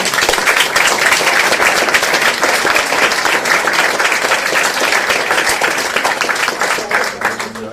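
Sustained audience applause for an introduced performer fills the whole stretch, a dense, steady wash of many hands clapping, staying loud before easing slightly at the very end.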